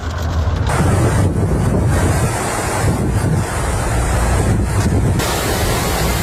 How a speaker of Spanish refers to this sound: Nada, estamos atrapados, no podemos pasar de la cantidad de agua que cae.